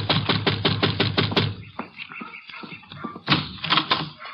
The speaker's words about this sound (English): And you better knock again.